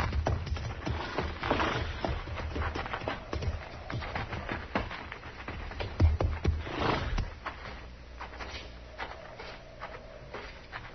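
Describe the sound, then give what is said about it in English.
Horses' hooves clop unevenly on a hard floor as horses are led into a barn to be tied in stalls, several animals shuffling and stepping in, then the hoofbeats thin out into quieter scuffs and movement. “We'll put our horses in the barn here, Chester.”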